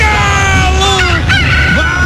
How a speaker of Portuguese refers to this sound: Vai, Galo. Canta alto pra subir.